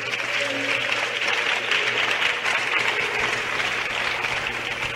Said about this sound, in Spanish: ¿Qué quieres? Le da aplauso a Dios por eso, hermano.